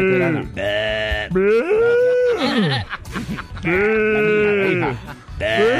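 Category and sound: animal, goat bleating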